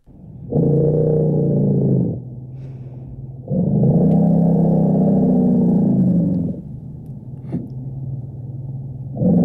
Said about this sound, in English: This is, in fact, an elephant rumble. It's so deep and low that parts of it are beyond even our human hearing and yet powerful enough to travel up to 10 kilometres across the African savannah.